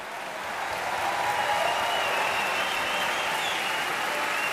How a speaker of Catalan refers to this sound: I atenció ara, segurament, a la primera gran ovació de la nit, per Cherubino.